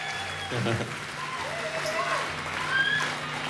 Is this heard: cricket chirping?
no